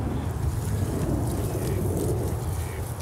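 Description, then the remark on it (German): A garden hose left lying by the gardeners sprays cold water in a steady, loud, unbroken rush, a dense hiss with a heavy low rumble that holds level throughout. Nobody speaks. “Guck mal, Gärtner haben Schlauch liegen lassen, dann können wir doch gleich loslegen.”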